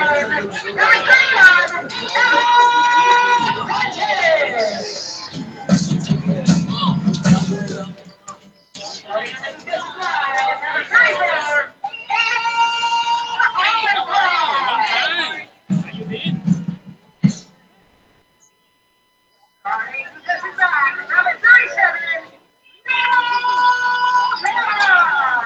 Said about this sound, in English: I'll tell you what, you guys might as well just listen to the, I'll turn the crowd mic on, listen to the announcer.